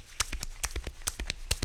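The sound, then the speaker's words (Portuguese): Rapid galloping horse hoofbeats imitated by a man thumping on his own chest, a quick uneven clip-clop rhythm of about a dozen sharp thuds with no talking. “Ele tá fazendo esse barulho batendo no próprio peito.”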